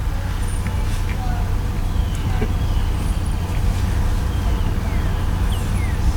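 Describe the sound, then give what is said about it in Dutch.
An Audi car engine rumbles loudly and steadily, a deep throbbing drone that fills the whole stretch without fading, with faint higher noises scattered over it. “Die auto had ook best te dreunen had.”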